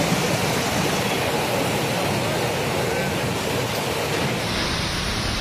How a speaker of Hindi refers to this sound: ये तस्वीर कोलकाता से आई है जहां दिन में ही अंधेरा छा गया, जोरदार हवाएं चलने लगी और फिर बिजली कड़कने के साथ झमाझम बारिश देखने को मिली।